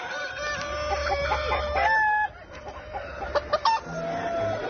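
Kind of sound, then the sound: animal, chickens clucking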